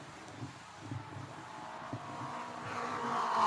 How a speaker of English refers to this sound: Yes, I see Billy moving out. He's in his car, and his car is running. He's coming down the front straightaway. He may have to make a mandatory pit stop, but he is moving, I believe.